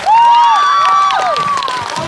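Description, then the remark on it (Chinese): A crowd applauds loudly and steadily for about two seconds, welcoming actor Guo Pinchao to share his talk, with cheers and bright rising and falling tones ringing over the clapping, and no one speaking. “接下来有请郭品超带来他的分享，掌声有请超哥。”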